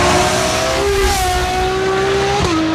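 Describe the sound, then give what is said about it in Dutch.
A Ferrari 12Cilindri V12 engine with a Novitec Race Exhaust System howls loudly, holding a high, steady note that climbs slightly before dropping as the revs fall near the end. “Dit is de Ferrari 12 cilindri met een Novitec Race Exhaust System.”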